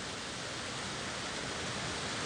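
Steady, dense hiss of rain pattering on a roof, a continuous even wash of sound at moderate loudness with no pauses and no voices.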